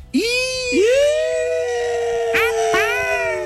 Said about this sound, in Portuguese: Aí tem o latido do cachorro. Eu sou muito fã dessa vinheta. Posso fazer um teste pra você? Aquele tecladinho. É o tecladinho com os bichinhos da fazenda.